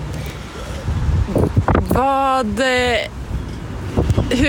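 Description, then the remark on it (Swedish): Strong outdoor wind in Sollefteå buffets the microphone with a steady low rumble throughout, while a person speaks and lets out a long, drawn-out exclamation. “oj, vad det blåser här i Sollefteå.”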